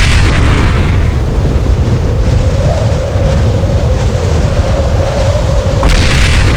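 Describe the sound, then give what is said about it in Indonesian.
A loud, thunderous boom, accompanied by a beam of light, that rolls on as a continuous deep rumble and roar for several seconds, heavy in the low end, with no voices. “Bersamaan dengan lahirnya bayi tersebut, muncul seberkas cahaya yang disertai dengan bunyi suara menggelegar.”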